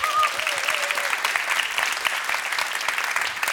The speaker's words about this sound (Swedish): Och vilket gäng du har här eller också som spelar med dig. En stor applåd för mitt band!